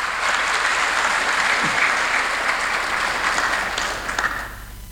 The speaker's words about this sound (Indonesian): Ini luar biasa nih, tepuk tangan dulu buat IAKN dulu.